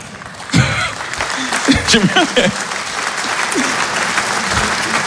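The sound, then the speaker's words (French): A live audience breaks into sustained applause that starts abruptly and keeps going, with a few brief shouts and cheering voices rising above the clapping early on. “Il y a des gens qui applaudissent comme s'ils militaient.”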